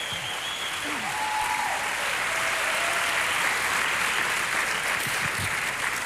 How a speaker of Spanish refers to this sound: Vamos, si va a aplaudir, apláudale al Señor de verdad.